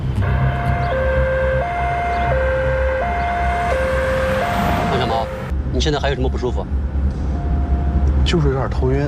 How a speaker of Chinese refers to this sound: 出动， 救护车， 小豆，你们快上